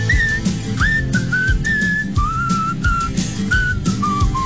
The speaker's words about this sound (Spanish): Ya ves, te dije que uno de los talentos inútiles que tenía iba a funcionar algún día. Está funcionando ahorita con el buen chiflidito